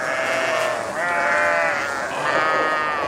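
A herd of sheep bleating loudly, several wavering, overlapping calls running together without pause for a few seconds, with no one speaking.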